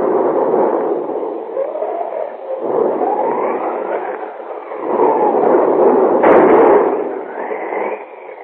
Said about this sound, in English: Outside, a thunderstorm is raging.